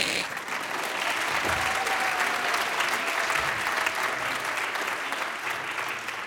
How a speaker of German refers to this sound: Ja, könnt ruhig klatschen.